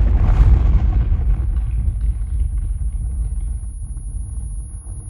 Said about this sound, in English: The fiery blast obliterates the supplies and knocks Katniss off her feet. Smoking debris rains down around her.